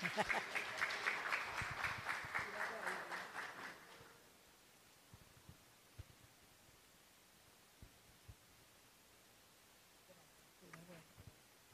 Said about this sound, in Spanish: Vamos a darle un aplauso a Monseñor.